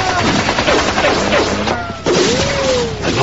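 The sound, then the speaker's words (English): A rapid, dense volley of gunfire from a group of armed men on a penthouse roof crackles continuously, many overlapping shots in quick succession with a loud, sustained intensity and faint shouting mixed in. “Fire!”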